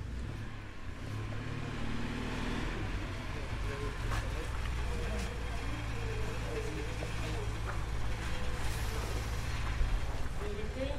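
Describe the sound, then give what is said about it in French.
Steady low rumble of car traffic fills the scene continuously, a dense outdoor hum of engines with occasional brief clicks, while indistinct voices murmur faintly in the background. “On peut se mettre là, il y aura moins de bruit des voitures.”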